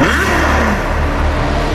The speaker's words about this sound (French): Elle est rouge, profilée. Son moteur vrombit comme aucun autre. Un cheval noir se cambre à son avant-poste.